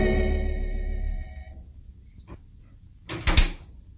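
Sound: door opening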